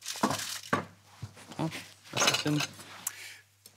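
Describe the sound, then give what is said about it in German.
A knife scrapes and clicks against the metal rim of a baking tin in several short, uneven strokes, trimming excess pastry dough from the tin, with soft murmuring voices in between and a low steady hum underneath. “Das, was über ist, das schneiden wir gleich mal eben ab.”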